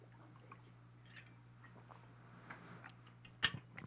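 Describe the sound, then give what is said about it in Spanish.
Quiet sipping of water during a live broadcast: faint mouth and liquid sounds over a low steady hum, ending with a short, sharper clink or gulp near the end. No one speaks. “Perdón, estamos en vivo, tomo agua para que el Padre no se ahogue.”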